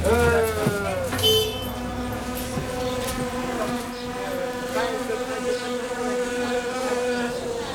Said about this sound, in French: Là, t'entends? Ce bruit qui ronronne, c'est lui. N'importe quoi. C'est des guêpes. Alors filons, on va se faire piquer.